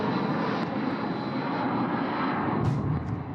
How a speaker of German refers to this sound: Die Shahed-Drohnen sind ohne Unterbrechung nacheinander geflogen